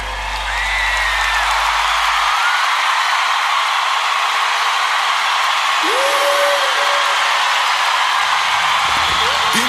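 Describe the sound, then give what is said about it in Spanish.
Steady, dense audience applause for a man's wife fills the whole stretch at an even loudness, with a couple of brief whistles or whoops rising above the clapping. “Denle un aplauso a mi esposa”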